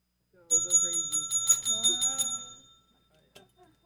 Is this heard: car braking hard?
no